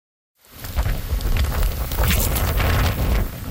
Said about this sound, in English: Torrential rain is pummeling parts of southern China and Hong Kong as Typhoon Noel makes landfall, prompting officials to issue the highest alert level for flash floods.